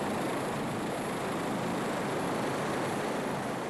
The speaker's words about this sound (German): Vor Kami ist noch Labrador Spike an der Reihe. Und der hat einen Hubschrauber noch nie so nahe gesehen.